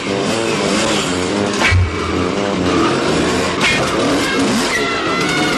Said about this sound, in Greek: Ο άλλος μπαίνει με τη μηχανή.